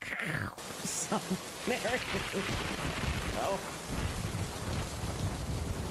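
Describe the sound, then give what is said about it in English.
Steady hissing rain pours throughout, with deep rumbling thunder rolling underneath; a faint voice briefly surfaces in the first seconds, mostly buried beneath the storm. “The lightning capital of the world is Tampa Bay.”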